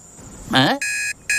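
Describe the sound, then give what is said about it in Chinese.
A short vocal exclamation is followed by an alarm clock ringing: two loud, steady electronic beeping bursts separated by a brief pause. “我的闹钟呢？”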